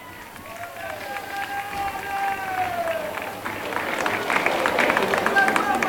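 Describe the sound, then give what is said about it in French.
A crowd of faithful at the Place de la Liberté murmurs and calls out while scattered applause for the pope, at the end of the Angelus prayer, builds into louder, dense clapping over the last couple of seconds. “Les fidèles qui applaudissent le pape qui va très certainement descendre pour les saluer.”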